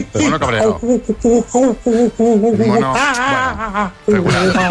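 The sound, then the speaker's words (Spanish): A person shrieks and chatters in loud, rapid bursts, voicing an angry monkey with wavering high-pitched calls, continuous over about five seconds. “Mono cabreado.”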